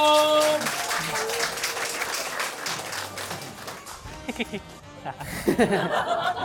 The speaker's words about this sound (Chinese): 来，让我们掌声有请…。